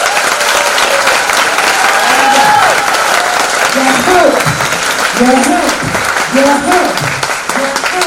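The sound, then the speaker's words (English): An audience in a room claps steadily for several seconds, a dense, loud wash of applause with scattered cheers and voices rising through it. “Let me hear you. Clap.”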